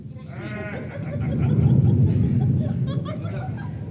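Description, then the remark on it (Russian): A deep, rolling rumble of August thunder swells to a peak and slowly fades, heavy, with a brief higher cry-like sound near the start. “Страшно в августе гром.”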